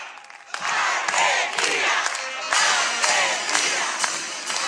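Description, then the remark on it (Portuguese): A military band plays the emblematic Argentine football fans' stadium chant, a loud, dense wall of sound with steady repeated surges and crowd-like voices swelling throughout, no speech, at the Military Bands Festival during Argentina's Independence Day celebrations. “A emblemática cantiga da torcida argentina que ecoa nos estádios, desta vez é executada por uma banda militar.”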